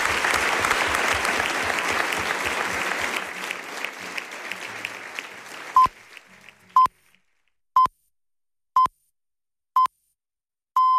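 Loud, dense applause for four guests fades out over about six seconds, followed by a series of six evenly spaced, short high-pitched beeps, like a radio time signal, before the 11 o'clock news on Radio Nacional de España.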